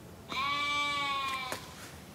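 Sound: sheep bleating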